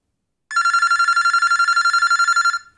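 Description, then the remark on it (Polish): A telephone bell rings loudly and continuously for about two seconds, a rapid, steady trilling with bright harmonics, then cuts off abruptly with no speech. “A dużo razy dzwoniłaś do mnie? Nie odbierałam?”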